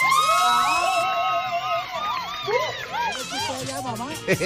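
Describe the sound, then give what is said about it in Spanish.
A lively group cheers and shouts in overlapping, high-pitched voices, with rising and falling whoops over a steady bed of crowd noise and possible clapping, loud throughout, applauding a mother during a serenade for mothers in the El Diamante neighbourhood. “¡El aplauso para esta mamá!”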